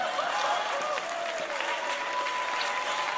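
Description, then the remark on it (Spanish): A Christian audience applauds steadily through the whole stretch, a dense, even patter of many hands clapping at moderate loudness, with a faint sustained tone running beneath it and no one speaking. “Y todos los que están aplaudiendo son medio hipócritas.”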